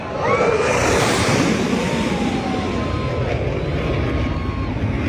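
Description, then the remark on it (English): A low-flying Blue Angels military jet roars past a beach crowd in Florida, flying low over the water, its whine sliding downward in pitch as it passes, over a steady wash of surf and faint crowd voices. “You can hear one Blue Angel fly past the crowd, flying low and over the water.”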